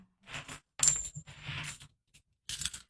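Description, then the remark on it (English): Several 90% silver coins clatter and ring as they are dropped onto a hard surface, a bright metallic jingle in quick bursts, with a sharp ringing chime near the start and a pause before a final scatter. “So let me gather them up, and we will do the 90% silver coin.”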